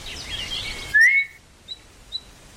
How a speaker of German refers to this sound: Als ich am zweiten Nachmittag missmutig die Gartenwege entlang schlenderte und immer wieder mit der Zunge die verheilende Zahnwunde betastete, hörte ich auf einmal einen leisen, aber scharfen Pfiff.